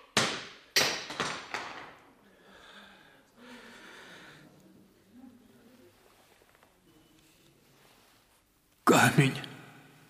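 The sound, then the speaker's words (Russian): A stone smashes: a quick series of sharp, cracking impacts at the start, a stretch of faint rustling and breathy sounds, then a sudden loud crash near the end. “Камень разбился.”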